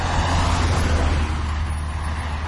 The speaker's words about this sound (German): LKWs und Autos, die einem den Hintern küssen, weil sie so dicht an einem vorbeifahren. Warum? Weil es keinen Fahrradweg gibt. Das ist die Realität auf der L37.